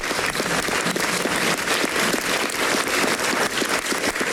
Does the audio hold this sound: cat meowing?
no